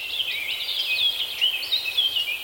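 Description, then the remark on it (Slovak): Continuous high-pitched birdsong in a forest, with quick warbling trills and chirps layered over one another, steady, with a soft outdoor hush underneath and no voices. “Predstavoval som si, že vtáci sú muzikanti a ja ich dirigujem.”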